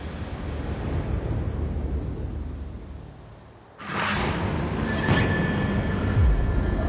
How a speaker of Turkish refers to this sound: Kodiak Adası, Alaska. Alaska Körfezi'ndeyiz. Fırtına şiddetlendi. Dalgalar büyüdü.